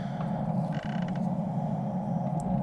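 A video game door creaks slowly and steadily for a few seconds, a low, grinding groan with rising squeaky overtones partway through, with no talking, played as a sample for the game's door volume setting.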